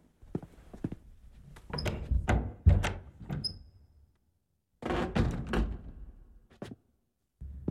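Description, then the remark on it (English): The double doors to a chapel swing open with creaks and wooden thuds, then after a short pause they close again with another knocking thump, fairly loud, with no talking. “Down the hall, through the double doors to the right.”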